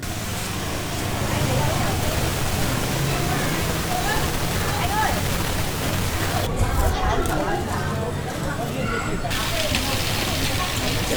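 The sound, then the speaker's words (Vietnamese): Steady, dense crackling and snapping of bamboo and nứa strips being woven by villagers in Vạn Phúc, continuous, with a murmur of people chatting and laughing underneath throughout. “Đi khắp dọc Vạn Phúc là tiếng lách tách và tiếng cười nói rộn ràng khi đan tre nứa của bà con.”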